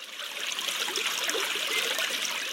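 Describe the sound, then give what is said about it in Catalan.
Spring water trickles and burbles steadily out of rock in the Gendar ravine, a continuous splashing flow with no pauses; the water emerges where the water table lies higher than the stream running through the ravine. “El que passa és que l'aigua simplement surt quan el nivell freàtic es troba més amunt que el torrent que passa per el barranc.”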